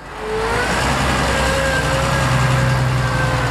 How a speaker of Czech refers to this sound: Na pole u Hradištka na Nymbursku přijíždí traktor se sklízecím kombajnem. Farmáři tu začínají vyorávat brambory vždy brzy ráno,